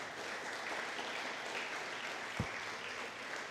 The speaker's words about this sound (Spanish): ¿Cuántos dicen gloria a Dios al Señor? Dele un fuerte aplauso a Cristo, aleluya.